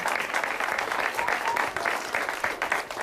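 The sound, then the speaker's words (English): An audience at a show, with children in the front row, applauding steadily, a dense, even wash of clapping that holds at a fairly loud level for the whole stretch, with faint voices mixed in. “I'm rather flattered that you folks clap like you do, because they don't see before the show that, in fact, you got to keep clapping and clapping and clapping, and that's very nice of you.”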